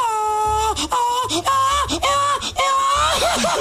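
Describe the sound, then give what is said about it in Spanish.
A loud mariachi grito: a voice lets out several high, drawn-out yelping wails in quick succession, ending in a wobbling, warbling trill with a crying quality. “Haga otra vez el grito usted, pastor.”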